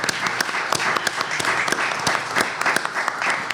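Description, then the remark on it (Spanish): A crowd applauds steadily at a special programme in the Palacio Piria marking the Judiciary's 200th anniversary, many hands clapping in a dense, continuous patter with sharp individual claps standing out, fairly loud throughout and without any talking over it. “Bien, ¿quién aplaude a quién?”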